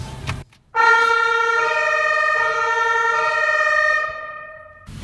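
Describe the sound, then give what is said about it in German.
A loud emergency vehicle siren blares, heard from the passenger seat of the vehicle with its blue lights flashing, a steady harmonic wail that shifts pitch in stepped tones for about four seconds before cutting off, with brief bursts of noise at either end. “Jetzt wird's spannend. Alarm, Alarm.”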